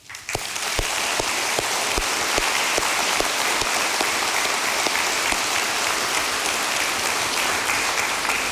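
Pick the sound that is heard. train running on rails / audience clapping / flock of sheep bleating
audience clapping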